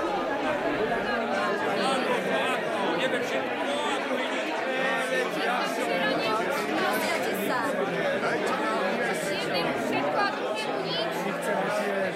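A noisy crowd of regular daily diners chattering all at once, louder than usual because the cook's three kettles of food did not go around for everyone; a dense, steady wall of overlapping voices with no single speaker standing out, loud and unbroken for the whole stretch.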